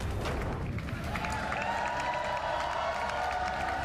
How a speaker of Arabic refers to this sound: هل تذكرون هتافات النصر لسير كير ستارمر قبل عامين احتفالا بفوز ساحق حققه حزب العمال في الانتخابات العامة؟